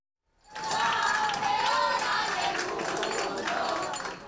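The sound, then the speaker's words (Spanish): A crowd cheers and shouts loudly and continuously after a brief moment of silence, welcoming Spain's rhythmic gymnastics world champion team as they land in the morning, with scattered clapping and high-pitched voices rising above the steady roar. “Y así, recibidas con gritos de campeona, esta mañana aterrizaban las campeonas del mundo de gimnasia rítmica.”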